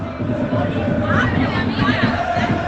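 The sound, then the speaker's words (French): A dense crowd of UBB rugby supporters roars and chatters in the street in Bilbao, about 500–600 metres from San Mamés stadium, many voices overlapping into a loud, steady hubbub with occasional rising shouts and no single voice standing out. “Écoutez, il n'y a que les supporters de l'UBB qui sont présents dans Bilbao, ou presque. Et ça hurle.”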